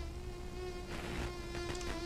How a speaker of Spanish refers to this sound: Hoy, ¿por qué Dios creó los mosquitos? ¿Eh? ¿Por qué? ¿Por qué hay mosquitos? Yo no sé por qué hay mosquitos, pero, pues por algo en este mundo existen los mosquitos y para ello, escucha esto.